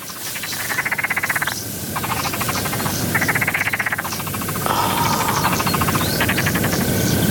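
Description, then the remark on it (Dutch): A frog croaks near a ditch in a series of rapid, rattling pulsed bursts, several calls in succession over a steady outdoor background hum, loud, with no talking. “Ik hoor een kikker.”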